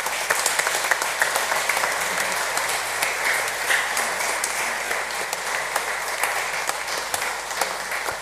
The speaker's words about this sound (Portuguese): Para ele, para todos, a nossa gratidão com uma salva de palmas.